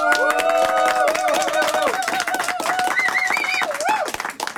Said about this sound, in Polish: To może jakieś brawa na koniec jeszcze.